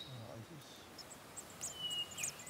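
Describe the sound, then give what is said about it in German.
Faint, high-pitched peeping of hatched baby birds inside a nest box, heard during a nest box check near Bad Kissingen, Germany; muffled, a few short irregular cheeps clustering toward the end over a quiet background hiss. “Es piepst. Ja, es piepst.”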